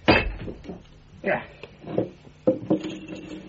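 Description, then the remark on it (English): Holmes strikes and breaks plaster with a hammer in a handful of sharp, irregular cracks and knocks, each followed by a brief crumbling rattle of falling pieces; the black pearl of the Borgias is embedded in the plaster. “Holmes, what are you doing with that hammer?”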